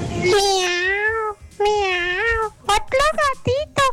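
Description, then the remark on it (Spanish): A person's voice imitates a cat, starting with two long, drawn-out meows followed by a quick series of short, sharp mews, loud. “Otro gatito, por la 3.”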